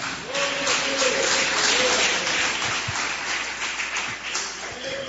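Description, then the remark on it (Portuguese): A church audience claps steadily throughout to glorify God after a prayer, a dense wash of applause filling the space, with a faint voice or sustained tone murmuring underneath. “Pode sentar, palmas que glorifica a Deus.”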